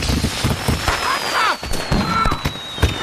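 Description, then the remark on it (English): Fireworks burst in a rapid, irregular string of loud crackling bangs, while a thin high whistle drifts steadily downward over the whole barrage. “And drunk and probably lighting fireworks.”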